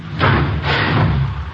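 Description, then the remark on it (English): A garage door swings open on a chilly day with a loud rattling rumble, surging twice in quick succession over a low mechanical drone, with no voices. “Want to stand back? I don't want to hit you and open it.”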